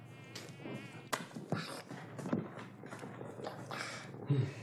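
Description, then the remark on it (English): A high-pitched mosquito whine hums steadily throughout, broken by a few sharp knocks and soft thumps. “Mosquitoes, you know.”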